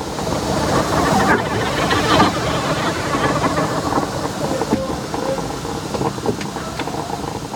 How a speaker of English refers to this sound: locomotives as they were called, had iron openings into which you fed spoonfuls of wood and coal, building fire that could melt ice into blood, or boil village cauldron, heat rising till the seams of the loco hissed and spat with escaping steam.